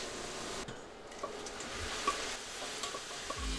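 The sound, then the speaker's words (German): Minced lamb is seared hard in a hot pan with a steady sizzle, broken by a few light scrapes and clicks of stirring. No voices. “Das Lammhack für einen guten Geschmack kräftig anbraten.”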